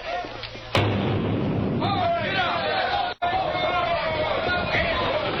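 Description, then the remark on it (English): A single loud cannon boom, fired to start a horse-drawn wagon race, bursts out near the start, then gives way to a steady roar of crowd noise and commotion that carries on to the end. “They're ready to fire the cannon.”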